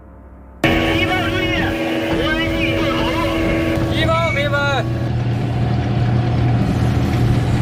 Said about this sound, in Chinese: 此时无人机蜂群正以低空掠袭的姿态高速飞过高炮阵地